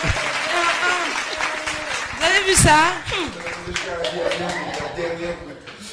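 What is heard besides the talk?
studio audience applause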